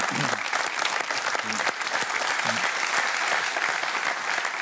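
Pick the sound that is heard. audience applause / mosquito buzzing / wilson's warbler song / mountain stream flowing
audience applause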